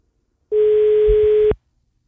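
A single steady electronic telephone line tone, loud, holds for about a second before cutting off sharply, with a faint low rumble beneath it and no voices, at the start of a phone call taken in the morning.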